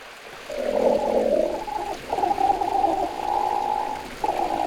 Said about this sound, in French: Ah, j'entends un grognement. Ça, c'est un ornithorynque. Pour le voir, direction l'est de l'Australie. C'est là qu'il vit, le plus souvent dans l'eau.